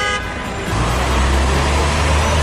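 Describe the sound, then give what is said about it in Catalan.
Busy city traffic rushes past on Roger de Llúria street between Consell de Cent and Diputació in a dense, steady roar of engines and tires, opened by a short car horn toot. No one speaks. “Som arran de trànsit, sí, però quan hi entrem, gaudim d'ombra, aigua, silenci i la torre que ens parla d'un segle i mig de vida de la ciutat.”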